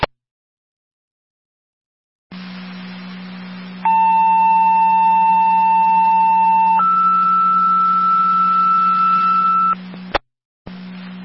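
Over a steady radio hiss, a long sustained tone shifts to a second higher pitch and holds, the second set of two-tone paging tones from Air Control to South Rockport for an EMS call on Upper Mountain Road, loud and clear, ending in a brief click.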